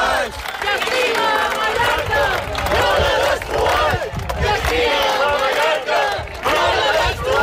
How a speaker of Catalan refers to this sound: Doncs són alguns dels crits de les 10.000 persones que han participat avui en la cadena humana que diverses organitzacions ecologistes de Mallorca han fet com a rebuig a l'especulació immobiliària que està degradant espais naturals com Estrenc.